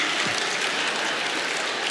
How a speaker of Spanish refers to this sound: Eso está mal. Y se pone a aplaudir.